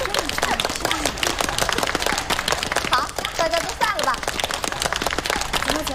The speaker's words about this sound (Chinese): 来，大家鼓掌祝贺一下。